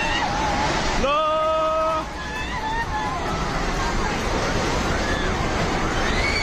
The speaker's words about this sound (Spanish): Este es el sonido en el momento en el que la tromba de agua anegaba la zona entre Nepal, la India y China. Cientos de personas intentaban huir del agua al verse sorprendidos por la riada.